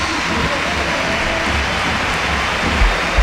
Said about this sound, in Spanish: Ahí el aplauso ahora. Es para Isar Romero, entra Robi Yure.